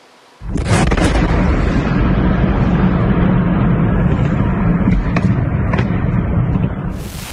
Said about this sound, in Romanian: Aceasta a fost așadar explozia, iar incendiul care a urmat s-a extins la clădirile din vecinătate.